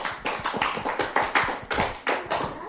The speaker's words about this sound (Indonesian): Masya Allah. Kita kasih tepuk tangan untuk Siti Aisyah.